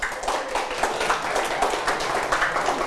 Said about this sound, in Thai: ครับอ่ะปรบมือให้เพื่อนด้วยนะครับ